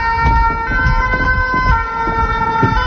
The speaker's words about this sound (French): on entend voilà, les sirènes des pompiers, et c'est la Somme.